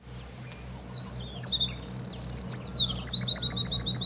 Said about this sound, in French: Donc là, c'est une trille qui est plus lente. Donc pareil, note qu'on répète. Je crois que c'est une mésange. C'est une mésange des saules, absolument.